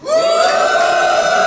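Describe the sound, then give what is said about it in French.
A comedy-show audience boos the comedian at his invitation in one long, steady, fairly high-pitched jeer, loud from start to finish with no speech over it. “Ok, qui a envie de me huer?”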